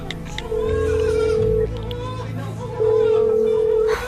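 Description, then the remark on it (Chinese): An unanswered phone call to a baby's father, placed from a hospital, rings: two long, steady mid-pitched ringback tones, each about a second, separated by a pause, over a faint murmur of background voices and children. “嘿，这怎么还不接电话呀？”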